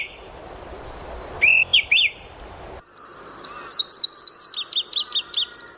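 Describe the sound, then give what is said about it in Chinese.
Bright, high-pitched chirps of a male bird calling: a short burst of sliding whistled notes, a pause, then a quick rhythmic series of repeated chirps, loud and clear over a soft hissing background with no talking. “一只雌鸟向它靠近，一旦结对，它们将终年生活在同一片山林中。”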